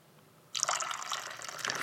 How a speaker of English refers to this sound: But while we're here, let us partake of a lovely cup of tea. Just giving the old teapot a bit of a swivel there. Not a euphemism. And a live pouring commence. Here we go.